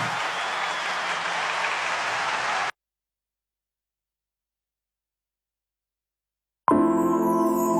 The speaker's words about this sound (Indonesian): Jadi sama-sama kita berikan tepuk tangan yang terbaik hanya buat Allah kita.